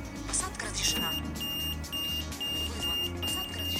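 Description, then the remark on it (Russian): A tram door's audio beacon, activated so a visually impaired passenger can find the right door of a tram bound for Sokol metro station, beeps in a steady, regular rhythm: about six short, high-pitched electronic tones, clearly audible over a low, noisy background rumble. “А потом, активировав звуковой маяк, найти нужную дверь.”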